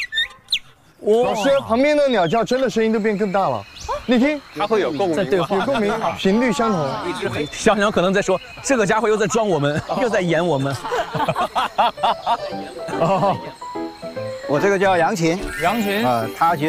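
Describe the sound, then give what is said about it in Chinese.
A high-pitched gaohu fiddle imitates bird calls, playing loud with rapid sliding chirps, warbling trills and swooping glides in a nearly continuous run of about fifteen seconds. “说那些什么什么小鸟叫啊，这个就比较在行了。”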